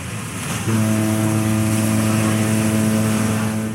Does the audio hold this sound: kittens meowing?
no